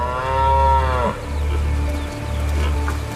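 A strong 11-year-old male European red deer stag, guarding its mates, lets out one deep, drawn-out roar lasting about a second, rich and throaty, before it breaks off into a steady low rumble of background noise.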